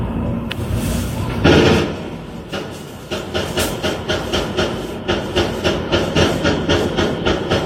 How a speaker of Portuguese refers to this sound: A gente separou um desses vídeos, um desses trechos. Vamos mostrar, realmente chama a atenção a quantidade de disparos ouvidos lá na região do Andaraí.